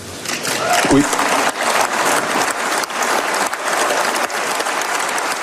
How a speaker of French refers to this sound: En tout cas, la proposition est fortement applaudie par l'Assemblée.